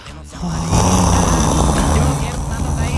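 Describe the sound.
A young girl's voice makes a snoring sound with one long, loud, raspy growl, a low buzzing rumble that holds steady for about three seconds with a rough, throaty texture.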